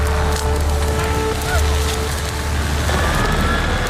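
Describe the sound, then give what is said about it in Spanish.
Dense crackling and popping of a forest fire over a steady, broad hiss of a fire hose spraying water, with a low rumble underneath and faint tonal whines drifting through, loud and continuous throughout. “Pues bueno, nos puede llevar a una chimenea, ¿no? A una hoguera, el fuego que está ahí. Pero cuando sumamos más sonidos, ¡pues el manguera!”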